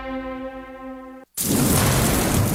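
A steady, humming tone cuts off abruptly, and after a short silence a loud, dense wash of rain begins and keeps pouring steadily to the end, with no voices.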